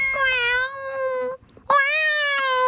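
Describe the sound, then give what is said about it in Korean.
Two drawn-out, tonal cat meows used as a cute sound effect, the first lasting over a second, then a brief pause before a second meow that rises and holds. Clear, with no talking. “고양이 소리예요.”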